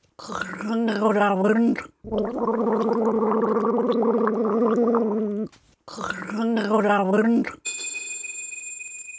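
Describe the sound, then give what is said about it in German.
Someone gargles water as a gargling riddle, in three loud, voiced bursts with a wobbly humming pitch, and a bright, sustained bell-like ringing follows at the end. “Macht euch bereit, wir setzen die Segel für das letzte Gurgelrätsel.”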